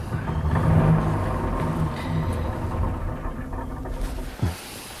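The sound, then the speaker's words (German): A car engine idles while parked, a steady low rumble with a constant droning hum that holds evenly throughout, joined by a brief soft knock near the end; no one speaks. “Weil du den Motor so lange im Stand laufen lässt.”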